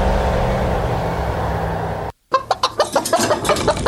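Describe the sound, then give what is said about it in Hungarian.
A steady rumbling noise cuts off into a brief silence, then several chickens cluck in quick, uneven bursts, fairly loud, with no one talking. “Pofátlanság, hogy két ilyen jó csirkét ennyire olcsón adnak.”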